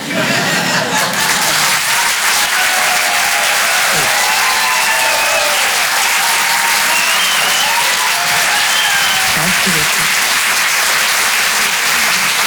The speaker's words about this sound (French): Bravo, on peut l'applaudir très très fort, s'il vous plaît,